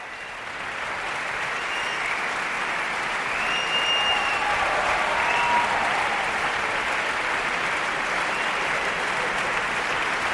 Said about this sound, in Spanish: Se van levantando las secciones de la orquesta, por eso se escuchan más y menos aplausos. El maestro Bloch les va presentando a todos ellos por la interpretación, como decimos, de esta segunda sinfonía de Mahler